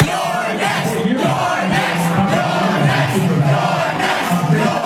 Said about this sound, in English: That is the crowd of overwhelmingly young, white, high-income progressives chanting, "You're next," as Hakeem Jeffries comes on television.